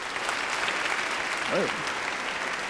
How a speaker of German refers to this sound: Applaus